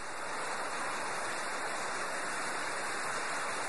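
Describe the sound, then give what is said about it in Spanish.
A heavy downpour with hail pours down in a dense, unbroken hiss, loud and steady throughout, with no voices or pauses. “Nunca había visto un aguacero tan duro. Y además está cayendo granizo, hijo.”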